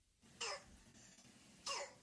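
croup cough

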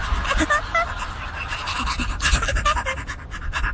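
dog panting

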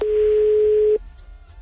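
phone call ringing

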